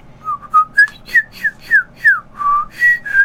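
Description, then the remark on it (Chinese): A person whistles a bird's spring call: about ten short, bright chirping notes, some sliding up and others down, repeated in a quick, even rhythm, fairly loud with no talking. “哎，迄鸟啊来叫春。”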